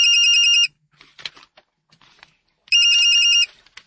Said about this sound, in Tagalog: Ma! May nanawag sa imong phone!